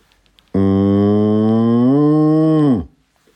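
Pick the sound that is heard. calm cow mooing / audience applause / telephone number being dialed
calm cow mooing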